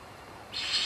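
A Eurasian eagle-owl gives a harsh, hissing screech that starts about halfway through and holds steady at a moderate level. The call is high and raspy rather than a deep hoot, with no one talking.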